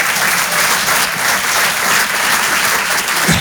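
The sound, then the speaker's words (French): An audience claps together in a steady, dense burst of applause that holds at an even, loud level for a few seconds, with no voices over it. “Donc on va recommencer et ça, ça mérite un applaudissement. Alors ensemble, s'il vous plaît.”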